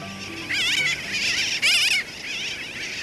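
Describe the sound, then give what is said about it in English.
A dense chorus of sooty terns calling at their summer breeding colony of about 50,000 birds on Bush Key in the Dry Tortugas Islands off Florida, high wavering nasal cries overlapping continuously, with a louder burst of calls near the middle and a soft low hum underneath. “Every summer, 50,000 sooty terns breed on Bush Key in the Dry Tortugas Islands off the coast of Florida.”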